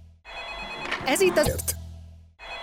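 A telephone rings on the Aranyka Show with a steady, bright electronic trill that holds for a couple of seconds, briefly overlapped by some vocal or sound-effect bursts in the middle before the ringing continues.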